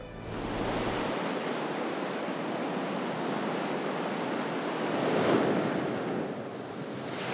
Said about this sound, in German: Die Farbe des Meeres, die Art, wie das Wasser durch den Felsen strömt.